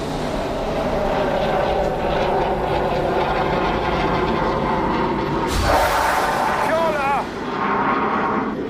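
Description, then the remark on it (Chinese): A J-16 fighter jet's loud, steady roar over the sea fills the whole stretch, broken near the end by a sudden sharp blast of its rocket strike hitting the target area and throwing up a water column, with a brief voice calling out afterward. It is the jet's first rocket attack run. “歼16战机潇洒脱离，完成首轮火箭弹攻击。”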